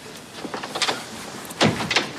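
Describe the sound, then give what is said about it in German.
A few short knocks on a room's door, followed by the louder rush and clatter of the door being opened as a man comes in, with no one speaking. “Da klopft es und Hamid kommt herein.”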